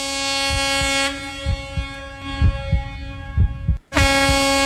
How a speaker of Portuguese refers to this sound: Legal essa interação com os nossos amigos caminhoneiros, né? Foi só soltar a buzina por aqui e o pessoal já retribuiu de lá